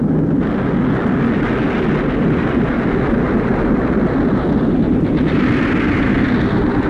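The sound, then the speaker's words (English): A stricken plane roars as it falls from the sky, a steady, loud, rumbling drone with crackling noise throughout, no voices, and no clear breaks for the whole stretch. “Something burning is falling down through the sky and circling down, maybe a hit plane.”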